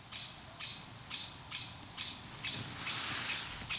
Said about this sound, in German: Was ist das für einer? Das hört sich an wie eine Amsel. Wenn die schimpft, dann kommen sie. Oder die meinen uns. Ich hoffe, das Erste. Die meinen uns.